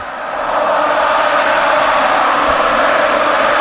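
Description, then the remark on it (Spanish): A large stadium crowd roars and applauds in a dense, continuous wash of cheering that swells up within the first half second and stays loud and steady throughout. “Joaquín que está en la grada aplaudiendo, muy emocionado, así suena.”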